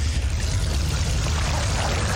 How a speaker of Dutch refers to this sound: Maar er staan nu heerlijke mooie voetenbadjes op. Roze, blauw. Het water straalt erin.